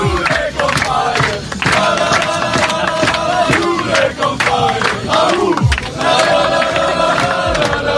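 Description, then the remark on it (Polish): A group of footballers from Jerzy Brzęczek's U21 team chant loudly together, celebrating yesterday's win, their rhythmic voices rising and falling over sustained crowd noise and sharp percussive claps or beats. “Zespół Jerzego Brzęczka jest ostatnio nie do zatrzymania, a zaufanie do selekcjonera piłkarze pokazali, fetując wczorajszą wygraną.”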